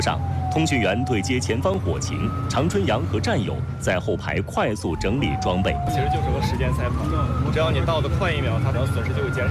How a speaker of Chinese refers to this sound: 4月29号上午10点多，警铃骤响